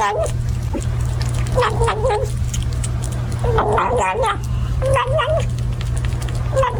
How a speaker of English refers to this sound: That is a kitten eating food, gobbling like a turkey. Yeah. It's a kitten.